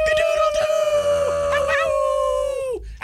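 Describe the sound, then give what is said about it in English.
A person's voice imitates a wolf howl, one long sustained tone that wavers slightly, then slides downward and breaks off at the end. “Why was I howling? Ow, why did my cock-a-doodle-doo turn into a howl?”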